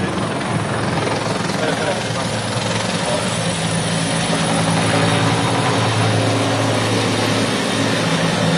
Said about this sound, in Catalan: El ministre que atura un moment la seva intervenció pel pas dels helicòpters, dels mitjans aèris, dels bombers, i ara de seguida la reprèn.